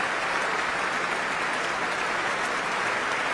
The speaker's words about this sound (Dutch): En, Tiani Lou en Juliana Avdeeva komen opnieuw samen de trap af. Hier in Amsterdam. Om dit bijzonder enthousiaste applaus in ontvangst te nemen. Applaus ook voor de muzici van het orkest.